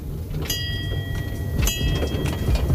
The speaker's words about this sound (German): Das ist eigentlich ganz klar zu sehen, dass die Kinder hier immer die Dampflok sehen wollen, weil die lebt, die hat Geschichte, die ist zum Anfassen, zum Riechen.